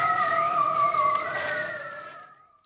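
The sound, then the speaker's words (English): A seal gives one long, steady, eerie call with wavering tones lasting a couple of seconds, fading gently at the end, then a brief click. No one speaks. “Matthew Carter and the seals.”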